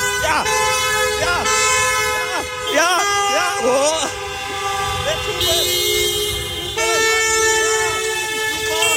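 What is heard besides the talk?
car horns honking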